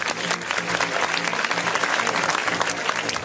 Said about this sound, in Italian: Facciamo un applauso a ….